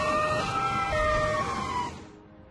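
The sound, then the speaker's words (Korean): A fire engine siren wails loudly and steadily over rumbling traffic noise as the fire engine heads out on another call just after returning, then cuts off abruptly near the end, leaving a quieter background hum. “이제 막 복귀 중인 또 출동이군.”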